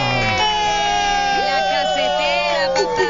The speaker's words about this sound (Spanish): Pero aquí están por fin y pido un aplauso grande para la casetera.